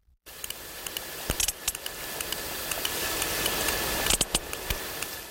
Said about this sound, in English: Now, that's the sound of a sperm whale from the eastern Mediterranean. A bit pacier, closer to the other dance mecca of Ayia Napa.